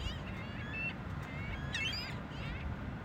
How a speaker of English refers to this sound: It's the ring-billed gull this week.